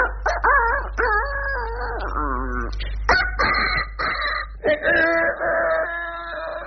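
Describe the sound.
A person imitates a small rooster's crow with a series of high, wavering, pitched calls in quick succession, fairly loud, with no other talking.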